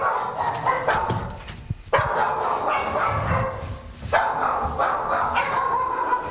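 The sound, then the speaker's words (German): Several kennel dogs that came back indoors when it suddenly began pouring with rain bark continuously in a reverberant indoor space, overlapping yaps and barks with a few higher yips, loud and busy throughout with no talking. “Da sind ein paar der Hunde wieder nach innen gezogen, wie man unschwer hören kann.”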